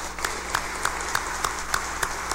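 An audience applauds, a dense wash of clapping with sharper claps landing on a steady, even beat, moderately loud and continuous throughout, with no one speaking over it.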